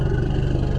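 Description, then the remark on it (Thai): A deep elephant threat rumble, made when the elephant is threatened by a predator, with a steady, throbbing pulse, much like a motorcycle engine idling or just starting. It is loud and continuous, with no voices over it. “อันนี้จะคล้ายๆลักษณะจังหวะของมอเตอร์ไซค์ที่ผ่อนเครื่องหรือแม้กระทั่งเพิ่งเริ่มสตาร์ทเวลาที่ช้างถูกผู้ล่าคุกคามก็จะส่งเสียงลักษณะคล้ายจังหวะคล้ายๆเสียงรถมอเตอร์ไซค์เหมือนกัน”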